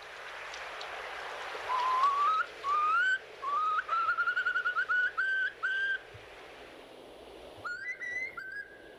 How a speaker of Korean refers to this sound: 울산에 사는 새 이야기 오늘은 알락꼬리 마도요 얘기 나눠봤습니다